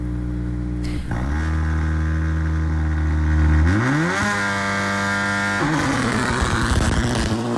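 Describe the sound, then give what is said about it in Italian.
Loud rally car engines revving hard at the start, pitch climbing and dropping in sharp surges as they rev up and shift, with a harsh mechanical roar filling the whole stretch and no voices. “E intanto vi facciamo sentire anche il suono dei motori in partenza.”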